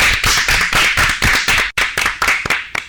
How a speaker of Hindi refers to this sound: ये तो हमारे टॉपिक से ही हो गया है ना, जोरदार तालियां।